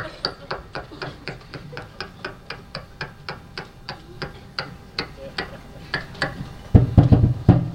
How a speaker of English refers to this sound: You knock on this door again, I'll punch you right in the mouth.